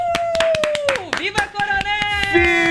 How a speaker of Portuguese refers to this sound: Uma salva de palmas pra minha cidade maravilhosa.